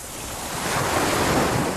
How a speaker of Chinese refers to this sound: 大海。如果有一天，这些美好的声音突然消失，为了守住这些美好的声音，热爱大自然，呵护地球家园。